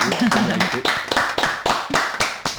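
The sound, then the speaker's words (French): A small group in the Welcome studio of Radio Cause Commune 93.1 FM applauds after a live musical performance, with steady, fairly rhythmic claps that stay loud and bright throughout, while a voice is briefly heard underneath at the start. “Le studio Welcome. Numéro 1 de Radio Cause Commune applaudit.”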